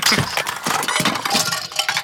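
Loud, continuous clattering and clinking as a duck knocks over books, construction toys and little toy cars, with sharp hard impacts piling up over a couple of seconds.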